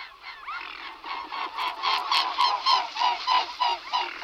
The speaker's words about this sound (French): un oiseau, un anatidé, un cousin des canards, c'est le cygne tuberculé. Alors, le cygne, tout le monde s'émerveille de voir des cygnes, il y en a de plus en plus, c'est une population extrêmement florissante et qui pose quand même quelques problèmes.